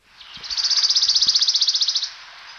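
A wood warbler's fast, shivering trill: a rapid run of high, metallic notes that starts softly, swells, and holds steady for nearly two seconds before cutting off, with no talking over it.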